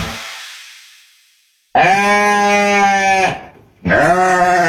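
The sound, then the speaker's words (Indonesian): A goat bleats loudly twice: a long wavering bleat of about a second and a half, then a brief pause and a second bleat cut off at the end. No one is talking. “Aktif juga nih kambing nih.”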